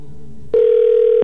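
A phone line rings with one steady, unbroken electronic tone lasting under a second, loud and clear after a brief stretch of faint background hum. No one speaks.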